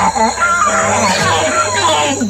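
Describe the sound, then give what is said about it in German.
A male proboscis monkey gives deep, loud calls, a continuous run of wavering, honking cries rich in harmonics that rise and fall for about two seconds. “Männliche Nasenaffen stoßen nämlich tiefe, laute Rufe aus.”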